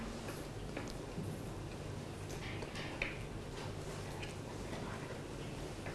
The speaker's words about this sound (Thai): หลังจากนั้นนำตัวล็อกมาล็อกใบพัดไว้ครับจะต้องหมุนทวนเข็มนาฬิกาครับ